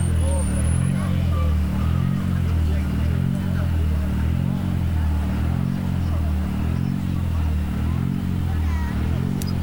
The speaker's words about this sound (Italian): E qui la zona del Dosso, vediamo se riusciamo a cogliere anche il suono di qualche motore. Ed eccolo anche il passaggio dal Dosso